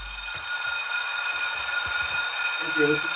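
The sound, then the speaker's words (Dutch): A school bell rings continuously for the whole stretch, a steady, bright metallic tone with no pauses, while faint low murmurs and a brief voice sound underneath toward the end. “Wij horen de bel. Dat is de welbekende schoolbel, want we zitten natuurlijk nog steeds midden in de eindexamens.”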